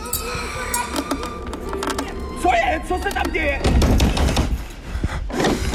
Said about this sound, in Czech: Slyšel jsem cvaknutí. Ten zámek povolil.